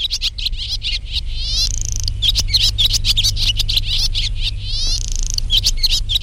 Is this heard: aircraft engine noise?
no